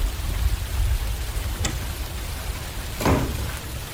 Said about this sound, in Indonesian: Duh, kenapa, Pak? Kok hujan-hujan gini?